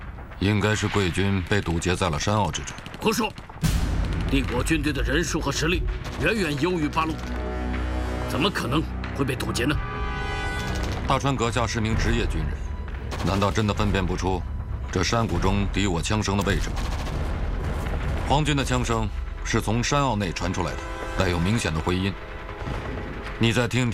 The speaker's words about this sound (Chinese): 你没有听到这枪炮声吗？怎么了？威武的帝国士兵正向八路军的总部逼近。 斩到整整打了一昼夜，但是枪声比例和密集程度早已经发生了变化。